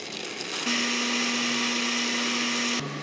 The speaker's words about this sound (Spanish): Lo primero que vamos a hacer, en el vaso de la licuadora, agregar un coco finamente picado o en cuadritos y le vamos a agregar 300 mililitros de agua. Licuamos a alta velocidad.